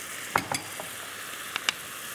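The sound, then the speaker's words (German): Steady soft sizzling of a thickened mustard sauce boiling in a pan, with a few sharp scrapes and clinks of a utensil stirring against it, fairly quiet. “Ich gieße jetzt gerade noch meine Soße. Das kocht jetzt, guck mal, ist schön eingedickt.”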